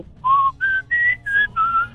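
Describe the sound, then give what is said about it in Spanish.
A person whistles a short melody of five clear, sustained notes that step up and then back down in pitch, fairly loud, with brief gaps between notes and a faint hum of background noise. “Cántala, cántala y chiflas.”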